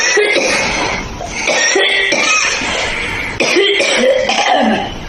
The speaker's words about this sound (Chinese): 五段咳嗽的声音，大家选一选，哪一种咳，大家觉得相对来讲比较严重？ 我认为是第一种。 第一种好像是干咳。